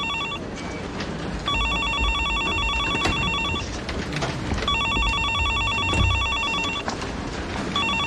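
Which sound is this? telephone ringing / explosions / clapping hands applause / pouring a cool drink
telephone ringing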